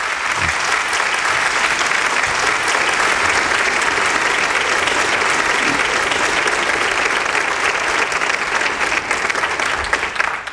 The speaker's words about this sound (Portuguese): o momento em que se anuncia uma descoberta que o Maluf e o Buzaide vão explicar nessa questão do câncer de pâncreas, e os médicos levantam, aplaudem, alguns se emocionam, lágrimas.